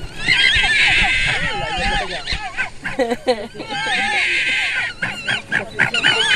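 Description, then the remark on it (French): Fox cubs inside their den, recorded with a microphone placed in the burrow, keep up a busy chorus of high, wavering whines and squeals, several voices overlapping and warbling up and down with hardly a pause. “Alors si on met le micro dans le terrier avec les petits, ça donne ça.”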